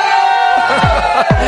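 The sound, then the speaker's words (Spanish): A large crowd in León, Spain, roars and shouts together at full volume when asked to shout during a live radio broadcast carried by 51 stations: a dense, sustained wall of voices with a few deeper whoops swelling through it for the whole stretch. “¡León, un grito para toda España!”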